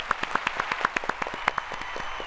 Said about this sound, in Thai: ข้อนี้ตอบไม่ถูกค่ะเอาเสียงตบมือไปก่อนค่ะ